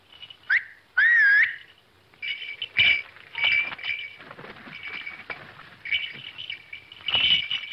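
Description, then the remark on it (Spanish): A falcon calls with sharp, high whistling cries and rising swept notes, repeated irregularly over several seconds, clear against a quiet background with faint clinks and rustles. “Llamas a eso halcón.”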